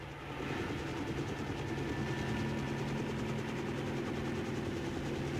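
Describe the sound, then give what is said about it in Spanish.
A steady, loud helicopter drone fills the scene as it gains altitude at dawn near the island of Balabak, its low rotor chop and engine whine holding constant throughout with no voices present. “El helicóptero toma altura como para avistar mejor el panorama del amanecer en las proximidades de la isla, que poco a poco va iluminándose con la luz del amanecer.”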